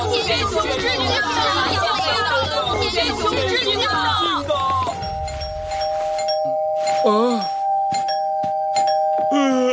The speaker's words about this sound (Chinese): 现在才5点，这个时候跑来按门铃。